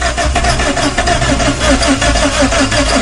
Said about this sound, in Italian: Ma non c'è la benzina. Ma non parte sta macchina, Come facciamo a uscire da qua se non parte la macchina?